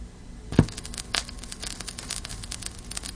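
Steady soft hiss filled with scattered crackles and small pops, including one sharp louder pop early on, like surface noise from a vinyl record playing with no music.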